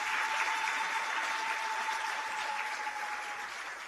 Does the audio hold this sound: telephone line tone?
no